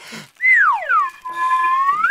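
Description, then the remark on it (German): A whistle is blown loudly, its pitch sliding down and then gliding back up in one long, wavering toot with a brief breathy start. “Jetzt höre doch mal auf dieser Pfeife rumzublasen.”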